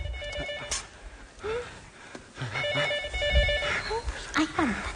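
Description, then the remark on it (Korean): A patient's telephone rings in repeated electronic bursts, steady in rhythm, while people talk urgently over it. “저 환자한테 전화 온 것 같습니다.”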